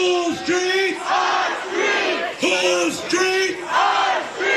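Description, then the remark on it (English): A large crowd of protesters gathered at night at the site shouts and chants in loud, rhythmic bursts, many voices rising and falling together in repeated call-like phrases, dense with no clear single speaker. “That night, protesters gathered at the site.”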